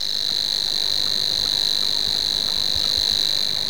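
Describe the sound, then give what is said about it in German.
A Savi's warbler reels in one continuous, steady buzzing trill, fairly low-pitched and unbroken throughout, loud and alone with no voices. “Bei uns gibt es 3 davon, nämlich noch den Rohrschwirr, der dann eher das Schilf mag und ein bisschen wärmer klingt, so hier.”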